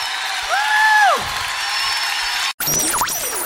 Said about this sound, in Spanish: Levanta ese aplauso fuerte.